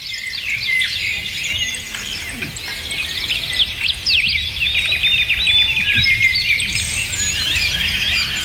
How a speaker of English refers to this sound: So as you're driving to work, let's take you outside where the birds can sing to you. 10 minutes of this should de-stress you.